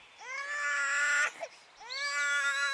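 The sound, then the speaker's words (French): A baby cries in two long, loud, high-pitched wails, each lasting about a second, separated by a brief catch of breath. No one speaks. “Ah, crie pas, ça va aller”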